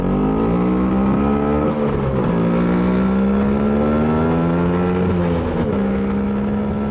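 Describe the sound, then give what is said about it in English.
An Italian Vespa scooter engine hums loud as it rides along, its steady buzzing pitch dipping briefly twice as it shifts gears, then climbing again. No voices. “Happy birthday to that beautiful Italian scooter, the Vespa.”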